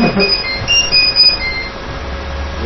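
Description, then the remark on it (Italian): A train rolls through Roma Termini railway station in Rome, its wheels letting out thin, high metallic squeals over a steady low rumble that eases slightly toward the end. No voices are heard. “Roma Termini, stazione di Roma Termini.”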